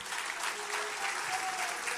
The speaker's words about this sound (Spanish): Ese aplauso,